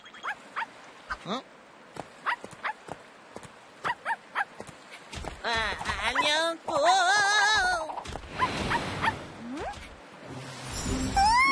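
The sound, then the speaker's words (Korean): A robot dog toy in Singapore clicks along in quick, even steps, then breaks into high yips and wavering whimpers that rise and fall. A person briefly speaks. “로봇 강아지잖아. 진짜 귀엽게 생겼네.”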